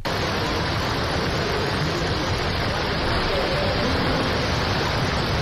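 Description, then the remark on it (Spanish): A heavy, cloudburst-like rain downpour on the streets, a dense, steady roar of water that stays loud and unbroken throughout, with no voices or other distinct sounds. “La lluvia en forma de, bueno, no sé, tromba, en algunos lugares desde luego lo ha sido sin otro calificativo mejor, porque esperábamos lluvia, pero no sé si esperábamos tanta.”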